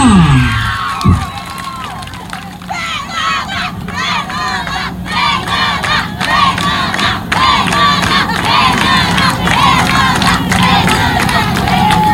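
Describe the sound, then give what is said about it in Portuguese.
A crowd erupts in loud, sustained cheering for a contestant announced in fourth place with 112 points, with many overlapping voices whooping and shouting over a steady wash of clapping that keeps going for the whole stretch. “Em quarto lugar, com 112 pontos, uma salva de palmas para a nossa candidata,”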